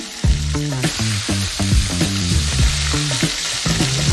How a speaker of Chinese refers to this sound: 新鲜的五花肉和满满的大蒜一起下锅，不加油。再盖一个戳子，两个戳子形成 AB 锅，在火上反复翻烤，充分煸出五花肉自身的油脂。